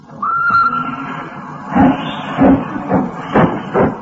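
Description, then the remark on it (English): A train whistle sounds a long steady note, then the train, the 10:36 to London Euston, pulls out of the station with a series of loud, rhythmic chuffs, with no one speaking. “Hissing and snorting and growling and grumbling, out of the station the train comes a-rumbling, puffing out smoke and white steam in the dark,”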